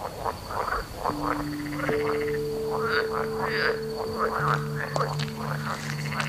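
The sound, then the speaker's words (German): A dense chorus of frogs croaking continuously at night in Berlin, many overlapping rhythmic calls at moderate loudness with a steady thin tone running underneath, and no voices. “Ich glaube, sie hören mich. Hören Frösche eigentlich?”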